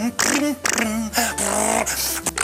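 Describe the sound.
A voice imitates a small two-stroke Pionýr motorcycle, a buzzy, rattling drone that revs up and down in pitch for a couple of seconds with brief breaks, fairly loud and alone.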